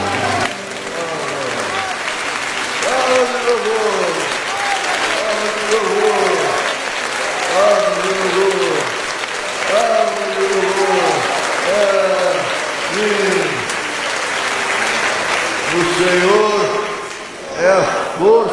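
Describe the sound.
A crowd claps steadily and continuously for about eighteen seconds, a dense, loud patter of many hands, with voices singing or calling out over the clapping throughout.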